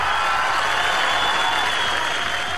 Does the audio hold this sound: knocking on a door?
no